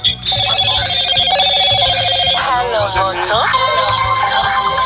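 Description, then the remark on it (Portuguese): A telephone rings loudly and continuously, an electronic melodic ringtone with bright, warbling tones that shift pattern partway through, with no one speaking. “Então deixa aí por aqui afora, que nós vendo na estrada e os telefones tocando já.”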